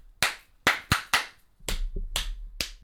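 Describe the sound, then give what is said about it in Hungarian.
A short rhythmic pattern of about seven sharp hand claps, crisp, with uneven spacing as a rhythm is clapped back; a low hum sits underneath the second half, and nobody speaks. “Tapsold vissza.”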